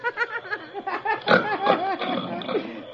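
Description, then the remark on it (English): Loud, comical snoring from someone sleeping on a cot on a theater stage, in a rapid series of rasping, grunting snorts with warbling pitch, almost pig-like, likened to a hyena, heard on its own with no talking. “Listen to them snores.”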